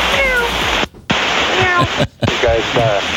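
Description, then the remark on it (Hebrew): A pilot mimics a cat, letting out several drawn-out meows over a hissy, band-limited radio transmission to an air traffic control tower, with static throughout and two brief dropouts between bursts. “טייס שעושה קולות של חתול”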